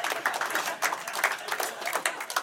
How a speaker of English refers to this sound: Applause break on the diarrhea joke. Classy, Cedar Rapids.